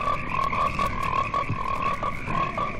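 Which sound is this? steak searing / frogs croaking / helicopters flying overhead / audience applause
frogs croaking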